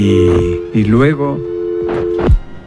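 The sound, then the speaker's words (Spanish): A steady, continuous telephone line tone hums evenly throughout, signalling the line isn't connected, while brief bursts of a voice rise over it near the start and end. “Para que los niños marquen rápidamente, porque les vamos a dejar de escuchar que el teléfono no está conectado.”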